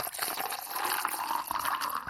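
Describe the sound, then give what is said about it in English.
Ice-cold orange juice pours steadily into a glass, a continuous splashing gurgle whose pitch rises slightly as the glass fills, with no voices. “the sound of pouring an ice-cold glass of orange juice comes close.”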